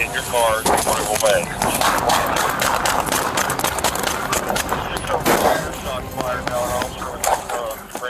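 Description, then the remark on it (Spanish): A police officer in Columbus, Ohio, fires a rapid series of sharp, loud gunshots at a woman suspect clinging to the hood of a stolen car, mixed with shouting voices and the rumble of the car. “El oficial le descargó su arma a la sospechosa mientras se aferraba al cofre del auto robado, pero ni eso la detuvo.”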